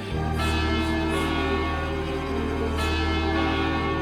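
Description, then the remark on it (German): A second large bell rings loudly, its deep resonant tone humming on continuously as fresh strikes every second or so layer over the lingering hum. No one speaks. “Eine zweite Glocke? Ja, der Ton ist hervorragend, nicht so voll und kräftig und so.”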